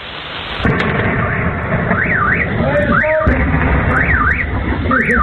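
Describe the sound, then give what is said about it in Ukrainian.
A sudden loud boom from a Ukrainian drone attack on the Russian city of Penza gives way to a heavy, continuous rumble, while a car alarm wails in repeating rising-and-falling sweeps on top, loud throughout. “Пензенці масово розповідали у соцмережах про численні вибухи.”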